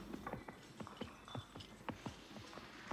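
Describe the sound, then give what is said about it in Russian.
Horses' hooves clop steadily amid creaking, rattling carts in a village on a dark, stormy night, a busy stream of sharp knocks and wooden groans, with no voices. “Бесконечные вполне базарницы, скрип повозок, тревожное ржание лошадей.”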